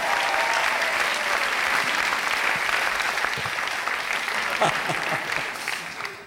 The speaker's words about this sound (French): on l'applaudit encore une fois très très très fort pour l'encourager.